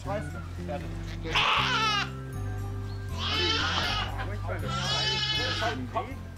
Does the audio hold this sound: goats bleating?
yes